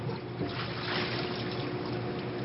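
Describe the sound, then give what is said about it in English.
Water splashing and sloshing in a kitchen, a steady rushing wash that holds at an even level throughout, with no voices. “I cannot get splashed.”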